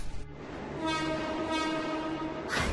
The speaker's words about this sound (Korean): 맞은편 선로로 지금 열차가 들어오는 중이야.